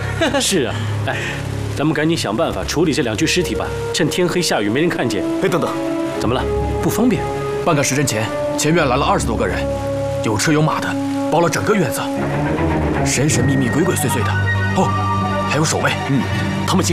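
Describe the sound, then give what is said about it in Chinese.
Steady, heavy rain falls at night, hissing throughout, a dense wash of falling water running continuously beneath several voices speaking over it. “哎，咱们赶紧想办法处理这两具尸体吧，趁天黑下雨没人看见。”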